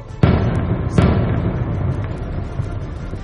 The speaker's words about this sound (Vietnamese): Pháo kích, pháo kích. Tiếng la của ai đó từ bên ngoài vọng vào, âm vang chưa kịp dứt, tôi đã nghe tiếng nổ liên tục. Không biết bao nhiêu là trái đạn súng cối 82 ly tới tấp thi nhau nổ.